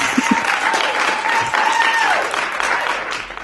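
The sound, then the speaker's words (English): Steady, dense applause from a studio audience on the radio show Joy Breakfast fills the whole stretch, a bright crackle of many hands clapping at once with faint whoops or cheers rising above it. “I love the applause.”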